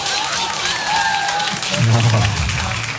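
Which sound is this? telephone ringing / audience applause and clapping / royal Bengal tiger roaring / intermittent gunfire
audience applause and clapping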